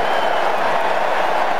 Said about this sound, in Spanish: Mohevi que aplaude a su gente. Haji Safi que también.